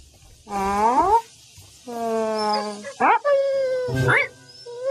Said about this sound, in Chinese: 小狗狗，你怎么了？